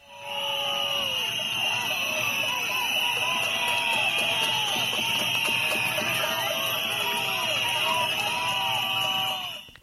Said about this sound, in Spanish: Medio millar de personas ha recibido este miércoles a Jorge Azcón, entre pitadas, silbidos y gritos de Azcón dimisión, durante un acto institucional celebrado en la ciudad altoaragonesa, coincidiendo con la huelga educativa.